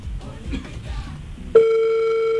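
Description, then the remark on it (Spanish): Muffled voices and room noise give way after about a second and a half to a loud, steady ringback tone on an outgoing phone call, holding unbroken to the end. “Timbra el teléfono.”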